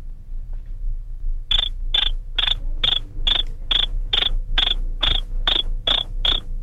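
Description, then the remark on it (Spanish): A man imitates a cricket with about eleven sharp, high chirps in a steady, even rhythm, fairly loud over a low background hum. “haz como grillo.”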